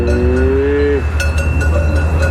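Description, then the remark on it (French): A single moo from a black-coated Hérens cow, a steady, drawn-out low call lasting about a second, heard over a constant low rumble, followed by a few scattered knocks and clatters. “Ah, celle-là, je l'appelle Fifi. Sylvain m'a expliqué que les vaches Hérins possèdent un fort instinct de dominance.”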